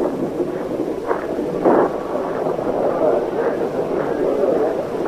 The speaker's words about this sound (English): Well, here comes the rain.